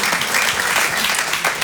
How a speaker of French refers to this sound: Ça vaut le coup d'applaudir.